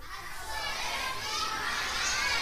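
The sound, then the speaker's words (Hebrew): A group of children chant the Hebrew phrase "The goldsmith cheated the king" together in unison, a dense, lively blur of young voices sustained for a couple of seconds at steady, fairly loud volume. “עכשיו אתם צריכים להגיד, הצורף רימה את המלך. מוכנים? 3-4 ו...”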